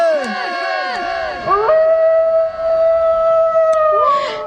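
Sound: wolves howling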